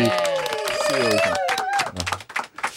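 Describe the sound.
A burst of applause with scattered claps and excited, whooping voices rising over it, loud and close, the clapping turning choppy and uneven toward the end.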